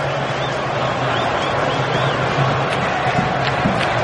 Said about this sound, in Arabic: الجمهور المصري يعني كأنك في استاد القاهرة في برج العرب، كأنك في المحلة، كأنك في المنصورة، كأنك في السويس، في أسوان، من شرقها لغربها الجمهور المصري صعيدي من بحري من سيناء